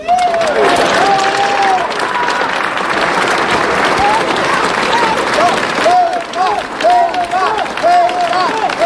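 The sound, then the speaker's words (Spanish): A large crowd at a public rally in Ávila, Spain, roars and shouts continuously in support of Ceuta and in criticism of the government, mixed with dense applause and overlapping voices, loud and sustained throughout with rising, chant-like vocal bursts. “Gritos de apoyo a Ceuta, como están escuchando, también gritos criticando al gobierno en un acto que culminaba con el himno nacional”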